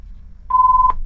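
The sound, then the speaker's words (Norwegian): A telephone rings once during a bingo game, a caller with a possible two-row bingo win: a single steady, mid-pitched electronic tone lasting under half a second, with a brief click at its start and end, over a faint low hum. “Og der ringer det.”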